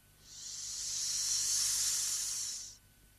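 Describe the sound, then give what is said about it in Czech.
A steady, airy whoosh of hot wind swells up smoothly as the lid of a small chest is lifted, holds for about two seconds, then cuts off fairly abruptly, like a hissing gust. No voices. “Člověče, ono mě to ofouklo, jako když se zvedne horký vítr.”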